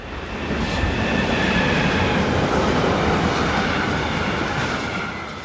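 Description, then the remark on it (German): A freight train rumbles past on the railway line on the left bank of the Rhine, a steady, loud rolling roar of wagons on the rails with faint metallic clatter and high squealing, swelling in and easing slightly at the end. “Die Güterzüge fahren jetzt auf der linken Rheinseite, die dann später saniert wird.”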